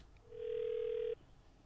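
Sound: telephone dialing and ringing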